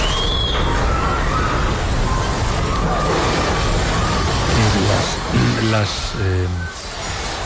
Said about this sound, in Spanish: Voy a recuperar un testimonio con el que abríamos el programa, que es tremendo, es el sonido de un terremoto.